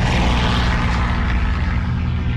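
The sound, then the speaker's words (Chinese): A loud, steady drone of propeller aircraft engines roars overhead above Yan'an, China, on the morning of 20 November 1938, as Japanese aircraft arrive for the first air raid on the city. The sound is deep and continuous with a slight pulsing throb, filling the whole clip with no voices. “1938年11月20日，这天清晨，延安上空突然响起飞机的轰鸣声”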